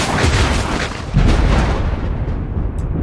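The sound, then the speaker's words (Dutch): A heavy thunder clap erupts into a loud, deep rumble that rolls on steadily for several seconds, with a second surge of booming energy about a second in and no voices. “laat de onweders nu toch maar komen”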